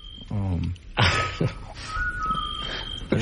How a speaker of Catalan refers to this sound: Un altre so. Això em consta que és un xot, que seria un mussol, no?